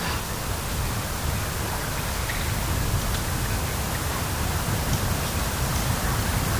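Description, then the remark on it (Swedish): Gentle sea waves wash against stones on the shore at Lönestig at night, in a steady, continuous hiss of water, fairly soft and even throughout, with no talking. “Så hör man ju det här lite försiktiga ljudet av havet som spelar in emot stenarna.”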